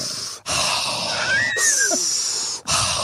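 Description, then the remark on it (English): Loud, deliberate breaths drawn in and pushed out as mindful breathing, one long breathy rush between shorter ones, each separated by a brief pause, with a faint wheezy whistle. “Mindful breathing. I think I kind of do that”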